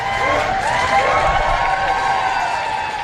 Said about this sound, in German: Als Volodymyr Zelensky vor die Downing Street Nummer 10 tritt, brandet Applaus auf.